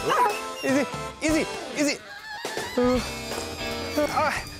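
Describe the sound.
A police service dog barks repeatedly and loudly, sharp aggressive barks in an uneven burst-like rhythm, with a man's voice shouting over parts of it.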